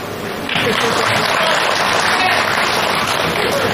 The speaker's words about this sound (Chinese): 一会儿我找对了一个，麻烦您各位伸出您宝贵的双手， 干嘛呀？ 为我鼓一鼓掌，就证明我找对了。